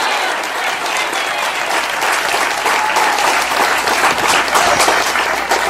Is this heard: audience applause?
yes